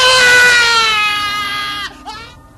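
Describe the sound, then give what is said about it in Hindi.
A loud, anguished scream from a patient whose rabies wound is being burned with a hot iron rod by a blacksmith wails for nearly two seconds, sliding downward in pitch before breaking off, followed by a brief strained cry, with a faint crowd-like murmur underneath. “जले हुए मांस की बदबू और रोगियों की दर्दनाक चीखों से लुई पाश्चर घबरा गए।”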